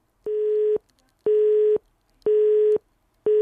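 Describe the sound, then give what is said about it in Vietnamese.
A telephone busy signal on a failed call connection: a steady mid-pitched tone pulsing on and off in even half-second beeps, four bursts in a regular rhythm, clear and alone with no voices. “Ồ, như vậy là thêm một lần nữa lại có trục trặc về tín hiệu kết nối.”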